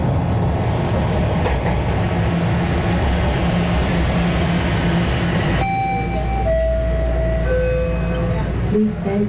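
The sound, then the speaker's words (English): A subway train at a TTC transit station roars and rumbles loudly for several seconds, then drops to a steady low idling hum with a few thin, high electronic tones and faint muffled voices. “We're outside a TTC station right now.”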